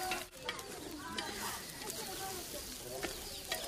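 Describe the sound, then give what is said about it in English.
A spoon scrapes and stirs through rice with gombe in a pot over a steady low sizzle, with sharp scraping strokes now and then and faint voices murmuring in the background, as women cook the dish for a wedding. “Today, the women are cooking rice with gombe, which will play an important part at the wedding.”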